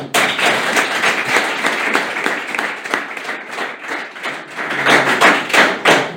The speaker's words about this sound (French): En plus, je vais vous dire, j'ai beaucoup de chance parce que j'ai un public très spontané, très sympathique, qui est prêt à m'applaudir.